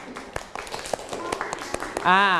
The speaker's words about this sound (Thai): นั่งลงได้ครับปรบมือให้เพื่อนหน่อย